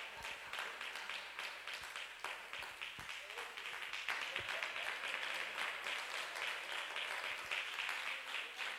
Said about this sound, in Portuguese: Posso beber um pouquinho d'água? Se aplaude ao Senhor enquanto isso? Amém. Quando ficar vazio, só para de aplaudir quando eu acabar de tomar água, por favor.